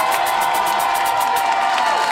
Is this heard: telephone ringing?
no